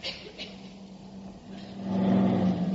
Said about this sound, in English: A truck drove through that one.